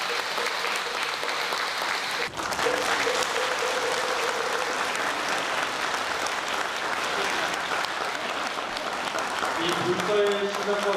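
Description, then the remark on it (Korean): Sustained applause from a large crowd for a commendation recipient at a Buddhist award ceremony, a dense, steady clatter of clapping that stays loud for the whole stretch, with faint tonal voices or music surfacing near the end. “큰 박수 부탁드리겠습니다.”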